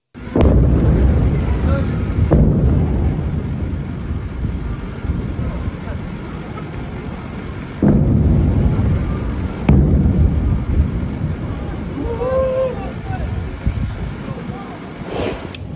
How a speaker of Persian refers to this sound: ویدیوهای رسیده از مخاطبی به ایران اینترنشنال وقوع چندین انفجار را در بامداد 24 تیر ماه در سیریک نشان می دهد